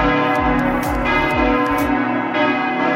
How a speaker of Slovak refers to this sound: Budí ho úplne to najhoršie a to je kostol. Zvoní 7 dní v týždni ráno o 6. Počkaj, Jožo, myslíš toto?